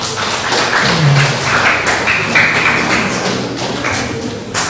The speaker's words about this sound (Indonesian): Mari kita semua berikan tepuk tangan dulu.